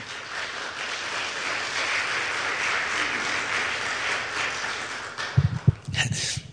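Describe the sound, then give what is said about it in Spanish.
An audience at a church service applauds for the Lord in a dense, steady wash of clapping for about five seconds, then the clapping drops away as a voice begins speaking. “Un aplauso, por favor, al Señor.”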